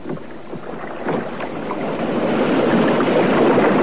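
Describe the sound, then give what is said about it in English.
Oars dip and splash through water as a boat is rowed, the swishing strokes growing steadily louder over a broad wash of water and wind, with no voices. “And then I heard the sound of oars.”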